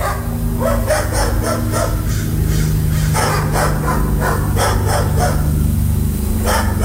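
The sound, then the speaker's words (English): Several neighbor's dogs bark repeatedly at 6 o'clock in the morning in overlapping bursts, loud, with a steady low hum running underneath throughout. “Join us next time for My Neighbor's Dogs at 6 o'clock in the morning.”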